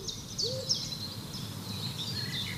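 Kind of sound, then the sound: bird, owl hooting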